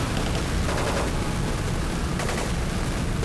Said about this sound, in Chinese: 外面怎么回事？怎么有爆炸和枪声？